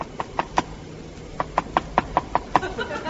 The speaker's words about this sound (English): Something strange is happening. There's a peculiar knocking sound on the windscreen. Seems to be coming from outside the plane.